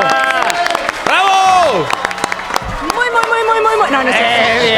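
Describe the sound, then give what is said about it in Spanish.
A studio crowd applauds loudly and steadily for several seconds to welcome a guest to the table, sharp claps running throughout, mixed with rising and falling cheers and whoops from the audience. “¡No, aplauso!”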